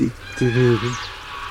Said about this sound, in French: Quoi, ce hurlement, c'est les oies? Oui, c'est les oies. On comprend qu'elles aient réveillé les Romains au Capitole, parce que... Ah, c'est terrible. Terrible, vous êtes le fond. Ça s'entend à 15 km.